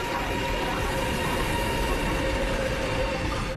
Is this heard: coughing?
no